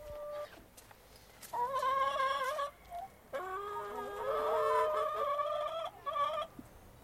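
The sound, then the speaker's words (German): Several chickens cluck and squawk in a garden in uneven bursts, their drawn-out, tonal calls overlapping over a quiet outdoor background, with brief pauses between the louder outbursts. “Dann waren wir noch kurz im Garten. Hühner, ein Kanickelstall, das hätte mir als Kind gefallen.”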